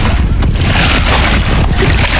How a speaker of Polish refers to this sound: I doskonale słychać, że jesteśmy naprawdę nad Wisłą. Tak jest, ta woda jest prawdziwa, nie z proszków.